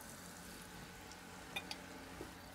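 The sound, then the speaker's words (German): Liver sizzles in a frying pan, a steady, fairly quiet hiss broken by a few sharp crackles and pops near the end, with no voices. “Ja, schön, einfach in die Pfanne.”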